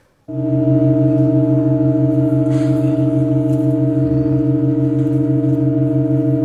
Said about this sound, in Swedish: Det vi hörde var historia som skrevs när världens längsta och långsammaste musikstycke igår gjorde ett mycket sällsynt ackordbyte.